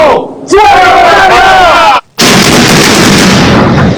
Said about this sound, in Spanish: 10, 9, 8, 7. y así la cuenta regresiva que dio paso a la minuciosa explosión controlada en Caraballeda, que ve caer no solo una infraestructura, sino historias, recuerdos, toda una vida.